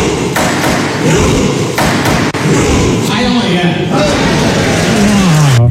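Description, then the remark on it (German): Members of the Norwegian Parliament, in suits, thump in a slow, steady rhythm while mock-rowing, loud heavy beats over a dense wash of voices and cheering, ending with a drawn-out shout of 'Heia Norge' that rises in pitch. “Am schrägsten, das norwegische Parlament rudert auch in Anzug und Kostüm. Und so klingt das dann im Parlament.”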